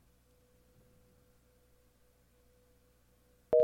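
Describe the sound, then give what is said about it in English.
A faint, steady phone line tone hums quietly with some low background noise, then a loud electronic telephone tone abruptly bursts in at the very end, signaling a live on-air phone call that fails to connect. “We're going to try it again, see if we get anything different. See if it connects.”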